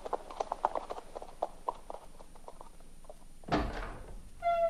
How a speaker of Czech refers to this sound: Zavedu jen koně do stáje.